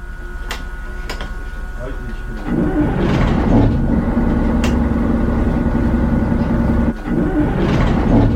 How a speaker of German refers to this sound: So, wunderbar, das hört sich ja gut an. Auf Anhieb, beide Motoren laufen, sehr schön.